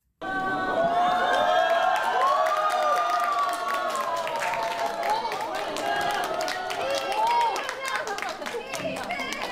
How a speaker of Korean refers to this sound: 법요식 말미에 이재명 대통령과 김혜경 여사가 깜짝 방문한 겁니다. 예상치 못했던 대통령 내외의 방문에 현장에 있던 수많은 불자와 시민들은 놀라움과 함께 뜨거운 환호를 보냈습니다.